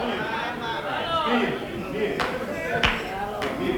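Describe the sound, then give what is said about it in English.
A lone person claps a few times, three sharp slaps spaced slowly and evenly, over a steady murmur of voices. “I got one person clapping their hand for that one.”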